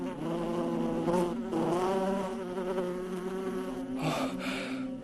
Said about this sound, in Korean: 이제 됐어. 벌이 벌집으로 돌아가서.